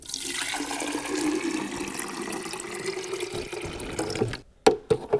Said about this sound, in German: Ist ungefähr so groß wie eine Filtermaschine im Grunde. Ja. Schöner quadratischer Grundriss. Auch ein Bohnenfach. Hat einen Wassertank. Da muss man jetzt mal eben ein bisschen Wasser reintun.